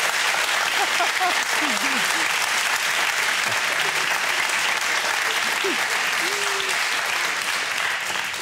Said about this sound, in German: Und der Applaus geht nach Lebenstedt. Danke.